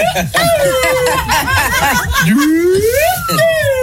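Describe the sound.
A small toy whistle pipe, a little flute, plays a wavering, sliding tone that dips low and then climbs back up, fairly loud, with people chuckling and talking underneath.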